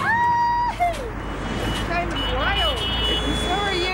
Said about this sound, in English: I am not used to this traffic.